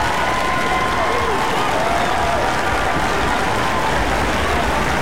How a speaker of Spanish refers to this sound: ¡Aplauso para ustedes!